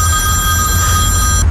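A telephone rings with an incoming call from the speaker's brother, a steady, bright electronic tone that holds unbroken for the whole moment, loud, over a low background rumble, with no one talking.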